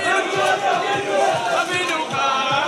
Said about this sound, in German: Am Abend am Flughafen Tel Aviv. Die Erleichterung ist den Menschen anzusehen. Jubel zur Begrüßung.